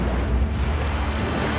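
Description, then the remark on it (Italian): Steady roaring wash of rough sea and gusting wind, loud, a dense low rumble with constant hissing spray and no pauses. “si scatena su di loro non solo la furia del dio del mare, ma di tutti gli dei offesi dal sacrilegio.”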